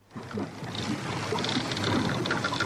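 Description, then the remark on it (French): An old wooden boat creaks from all sides amid a steady wash of water and hull noise, with scattered short groans and knocks rising over the continuous background; no voices. “Ah, il craque ce vieux bateau. Hein. Il craque de toutes parts, il va couler.”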